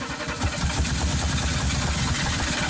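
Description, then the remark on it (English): A car engine cranks and struggles to start, with a rough, rhythmic low churning that repeats steadily and fairly loudly throughout, with no voices. “With a car that takes a minute to start.”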